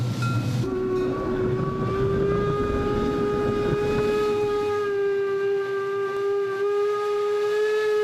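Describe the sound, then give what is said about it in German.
A steam locomotive built in 1953 sounds a long, sustained harmonic whistle blast over the steady rumble and chuff of the engine running, loud, with no talking, as it steams up a steep 1-in-30 gradient on the 17 km Fichtelberg Railway from Cranzahl station to Oberwiesenthal. “Von dort dampft die Lok, Baujahr 1953, hinauf nach Oberwiesenthal.”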